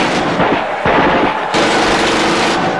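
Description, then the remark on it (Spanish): Loud, sustained bursts of automatic gunfire from the army crackle densely with no gaps, a chaotic barrage of rapid shots that intensifies after a brief lull, with no voices, as a student demonstration is crushed in the Plaza de las Tres Culturas, Tlatelolco, under Gustavo Díaz Ordaz's government. “Más de 500 jóvenes mueren masacrados por disparos del ejército en la Plaza de las Tres Culturas de Tlatelolco.”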